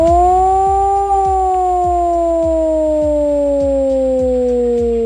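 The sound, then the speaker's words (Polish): A loud civil defense siren wails steadily during the nationwide Alarm 26 exercise in Poland, its long tone slowly sliding downward in pitch, with a faint rhythmic mechanical thumping beneath it and no voices. “Do godziny 19:00 uruchamiane będą syreny, których sygnał brzmi właśnie w ten sposób.”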